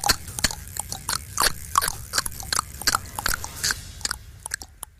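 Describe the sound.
A voice imitates horse hooves with the mouth alone, without the table and without neighing. A run of sharp tongue clicks makes a quick, fairly steady clip-clop rhythm of hollow, popping knocks that continues for several seconds with no talking.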